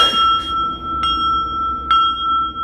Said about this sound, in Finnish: Meidän täytyy pyytää vaunut ovelle saman tien. Soitanko kelloa? Soita.